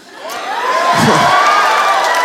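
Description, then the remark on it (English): An audience bursts into loud cheering and applause that swells within the first half second and holds steady, with high whoops and shouts rising above the roar. “It's actually not great. It's not applaud-worthy.”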